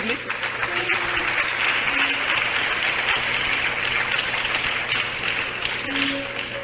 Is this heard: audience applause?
yes